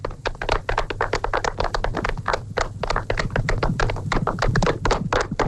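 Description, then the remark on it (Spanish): A small crowd claps steadily for several seconds, dense overlapping hand claps forming a lively, sustained round of applause with no one speaking. “¡Un aplauso para Emperador!”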